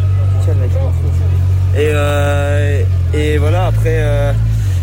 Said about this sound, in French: Bon, j'espère que c'est pas la moto de Jean-Marc là qui a fait un boucan terrible sur l'interview de Paul Sexas. Voilà, c'est le moteur de Paul qui ronronne.